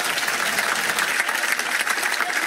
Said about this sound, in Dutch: Maar vooral een ongelooflijk applaus voor de mensen van Radio 2 voor en achter de schermen.